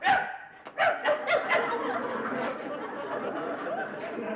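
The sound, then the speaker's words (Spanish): A person imitates a dog, letting out a quick run of four or five yappy barks, then trails into a longer, steady whining, growly vocal sound. “Hasta de perro eres feo.”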